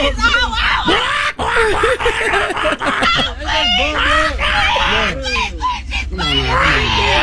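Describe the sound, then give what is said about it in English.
A woman screams and wails in shrill, strained bursts that crack and warble like frantic chicken squawks, loud, continuing almost without pause for several seconds. “She sounded like a chicken. Like a chicken was getting bitten.”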